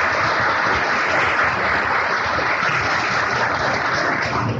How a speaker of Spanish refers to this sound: También para él pedimos un gran aplauso.